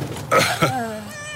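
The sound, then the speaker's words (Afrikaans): A cat, found with a whole litter of kittens in a bus, meows: a short burst followed by drawn-out, falling mews and a faint higher cry at the end. “'N kat.”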